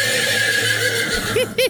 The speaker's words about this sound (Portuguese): É o cavalo? Então põe o cavalo.